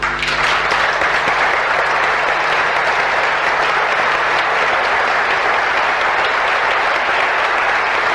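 A large crowd applauds loudly and steadily, a dense wash of clapping that holds at full strength for the whole stretch with no voices standing out.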